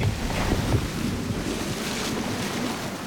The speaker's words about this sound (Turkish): Aa, rüzgar. Enegada bunu öğrenmek için de güzel bir yer. Çünkü burada rüzgar kıyıya doğru 45 derecelik bir açıyla eser.